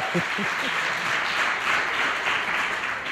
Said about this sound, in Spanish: Y, no sé, igual les pedimos un aplauso, que se oiga. Sí, bien. Que se vea, bueno, que hay gente.